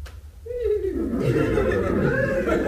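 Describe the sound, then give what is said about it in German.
A nervous horse whinnies, a wavering call that slides downward in pitch and trails into rough, breathy snorting, with steady background noise throughout. “Ach, was sind die Pferde an mich so nervös?”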